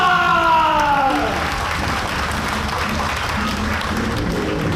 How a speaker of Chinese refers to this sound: 那他今天要给我们带来点什么呢？让我们掌声欢迎重庆演员大汉。